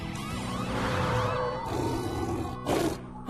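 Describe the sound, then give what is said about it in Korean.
A lion roars loudly, a long, rumbling growl with a rising and falling pitch, ending in a short, harsh burst. No one speaks. “저리 가, 사자야!”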